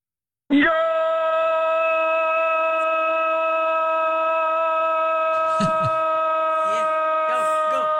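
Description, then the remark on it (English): A voice imitates a sportscaster's drawn-out goal shout, holding one loud, steady, strained pitch for about seven seconds without a break, while other voices briefly chime in toward the end. “can you do your best impression of a goal announced, like the sportscaster shouting goal?”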